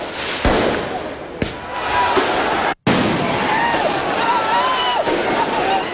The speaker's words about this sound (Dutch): Na de winst van de voetbalclub Paris Saint-Germain in de Champions League gingen mensen de straat op in de Franse hoofdstad. Er werd brand gesticht en veel vuurwerk afgestoken.